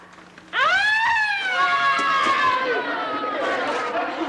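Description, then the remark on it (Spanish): A loud wailing tone rises sharply, then holds and slowly falls over several seconds: a human voice imitating an ambulance siren, with some background chatter. “Es la sirena de la ambulancia.”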